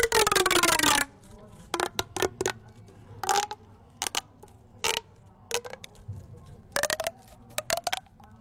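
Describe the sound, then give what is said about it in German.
A rasping object imitating a frog: one long, loud croaking scrape, then a series of short, irregular ratcheting strokes separated by brief pauses, with no talking. “ich spiele euch etwas vor, was wie ein Frosch klingt.”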